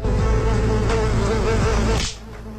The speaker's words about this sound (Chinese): 是苍蝇吗？ 是，还没打到。 打到了吗？ 打到了。